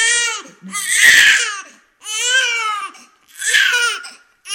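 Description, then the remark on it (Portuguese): A newborn baby, born inside an ambulance and just brought to a maternity ward, wails in loud bursts, about four rising and falling cries separated by brief gasps for breath, with no talking. “este bebê nasceu dentro da minha ambulância e agora, aqui, ao chegar à maternidade, a parturiente deu de frosques e eu fiquei com o puto nos braços.”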